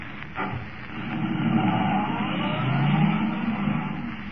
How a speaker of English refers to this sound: Forcing the car to the limit of its speed, Kent races toward Linwood, convinced now that the mechanical man is more than just a myth.